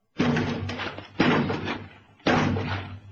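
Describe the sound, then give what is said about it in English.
A door is battered by intruders trying to get in, with three heavy, booming blows about a second apart, each one loud with a rumbling, resonant decay between strikes. “One more and they'll be in.”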